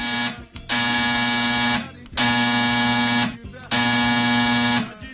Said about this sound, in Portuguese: o telefone tocou!